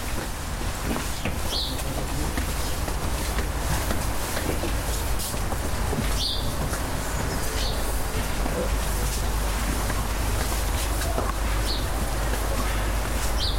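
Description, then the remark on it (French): A few short, high bird chirps ring out at scattered moments by a river, over a constant loud rushing wash, like flowing water or wind, with faint voices mixed into the background. “Ah, il y en a des oiseaux, là.”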